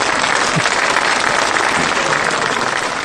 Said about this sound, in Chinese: 祝贺大家这一堂课所取得的这个成就啊！希望你们巩固下来。 我们为自己鼓鼓掌吧，好不好？